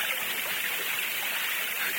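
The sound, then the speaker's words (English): A steady, loud rush of falling water from a waterfall, a dense hiss that holds constant from start to finish with no pauses. “You're out behind the waterfall.”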